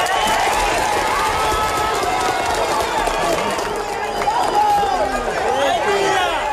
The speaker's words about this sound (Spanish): Cada vida salvada le suceden aplausos y vítores 40 horas después de un terremoto devastador